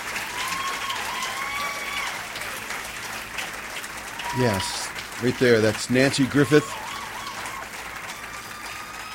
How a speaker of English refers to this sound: And well deserving of all that applause,